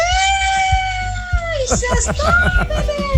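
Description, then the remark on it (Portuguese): A thin, high-pitched scream rings out steadily for about a second and a half, then breaks into a jumble of loud voices and wavering cries. “fiquei preocupado com esse grito fininho aí.”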